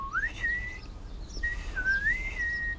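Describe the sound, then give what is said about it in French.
Two clear whistled phrases, each rising then holding a steady tone, separated by a short pause, whistled in reply to a small blue, yellow-bellied tit, over a faint low background rumble with no talking. “Tout doux lui répond en sifflant.”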